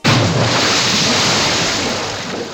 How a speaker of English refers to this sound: you knocked that whole load of tea in the water there.